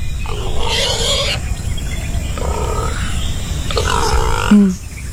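A wild boar gives several deep, rough grunts in bursts, separated by short pauses, over a steady low rumbling background. No one speaks.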